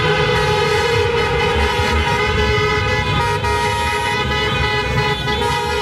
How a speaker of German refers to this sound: Anders sah es gegen Mitternacht noch am Westerntor in Paderborn aus. Mit dem Auto gab es da ja quasi kein Vor- und Zurück mehr. Autokorsos und Fans, die mitten auf der Kreuzung teilweise sogar auf Ampelmasten gefeiert haben.